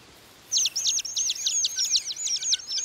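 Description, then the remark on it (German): A song thrush sings a fast series of bright, high-pitched repeated notes, clear, starting after a brief quiet moment and continuing steadily with no talking. “Für Singdrosseln sind Schnecken Leckerbissen.”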